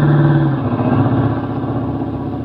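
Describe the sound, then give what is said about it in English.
A car engine rumbles loudly, a steady motor drone with a slight rise and fall as the vehicle comes along the road. No one speaks. “Hopefully that car just happened to be coming along this road.”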